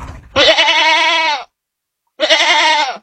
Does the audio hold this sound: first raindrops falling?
no